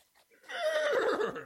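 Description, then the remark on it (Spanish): A horse named Pillo, being ridden in the countryside, neighs once, a loud whinny that starts high and slides downward before ending in a quavering, shaky flutter, heard on its own. “¡Nunca me había montado sobre un caballo!”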